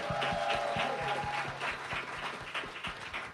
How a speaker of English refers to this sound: We just renamed our studio here. It is now the Just Call Mo Injury Attorneys Performance Studio. So clap it up for Mo DeWitt.